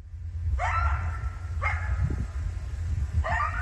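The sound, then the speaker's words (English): Three short, high, wavering yips from two coyotes of a pack, recorded early one evening in a rural area on the edge of Bellingham, spaced a second or so apart over a steady low rumble, with no one speaking. “Two coyotes from a pack that lives just down the hill from me.”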